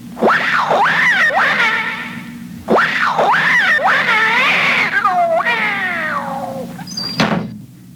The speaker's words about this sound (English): But there is a cat in there. Not for long. Come on. Scat, cat!